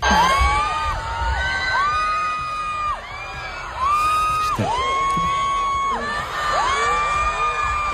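A massive stadium crowd at a concert in the Bernabéu screams and cheers continuously, countless high-pitched voices rising and falling in overlapping swells, loud and dense with a roaring wash underneath.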